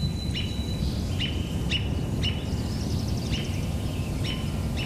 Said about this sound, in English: And the robin making call notes. Doot, doot, doot, doot.